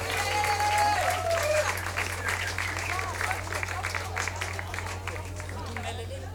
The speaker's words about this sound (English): Give him another hand of applause, ladies and gentlemen. Thank you.